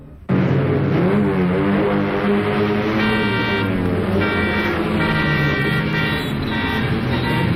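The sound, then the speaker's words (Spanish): A loud, steady wash of traffic noise with an engine droning and repeated horn blasts sounding in bursts over it, dense and chaotic, with no one speaking, as a Rolls-Royce drives against the traffic causing chaos on highway 22. “Mientras tanto, Nazcar, metamorfoseado en Rolls Royce, armaba un auténtico caos vial en la carretera 22.”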